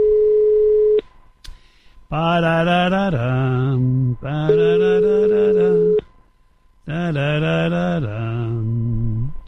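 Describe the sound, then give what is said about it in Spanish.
A steady ringing tone from an outgoing phone call to a Coca-Cola delivery driver plays through the earpiece, broken up by loud, tuneful, voice-like bursts in three stretches, with no one picking up. “ahora no me coge el teléfono.”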